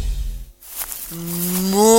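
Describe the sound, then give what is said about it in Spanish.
A cow, Margarita, the most followed influencer cow in Uruguay, lets out a single long moo that starts about halfway through and swells louder toward the end, after a short low rumble and a brief pause. No one speaks. “Soy Margarita, la vaca influencer más seguida del Uruguay.”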